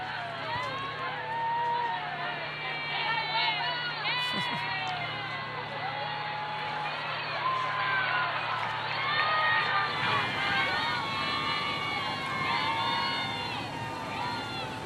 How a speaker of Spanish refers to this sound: El entusiasmo, ¿no? Villeros, y qué entusiasmo por saludar al Papa. El entusiasmo, sí. Sí, vamos a escuchar el griterío de la gente que lo recibe.